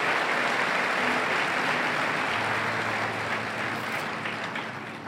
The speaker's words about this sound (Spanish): Bueno, aplauda al Señor entonces.